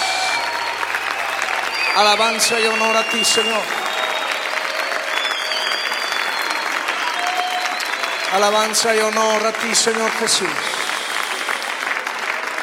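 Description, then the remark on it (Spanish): An audience claps steadily and continuously in worship, applauding the Lord Jesus, a dense wash of hands, while a voice leads two short spoken or chanted phrases over it. “aplaudimos a ti, Señor. Te aplaudimos a ti, Jesús.”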